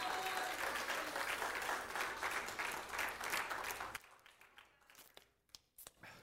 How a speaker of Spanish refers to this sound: Dale un aplauso al Señor en esta tarde. Gloria a Dios.